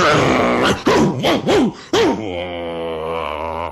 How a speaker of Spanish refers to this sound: Al rato, bajó el dueño de la casa con un perro que no paraba de ladrar.